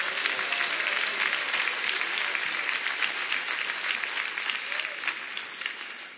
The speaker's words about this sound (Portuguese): Palmas que glorifica a Deus.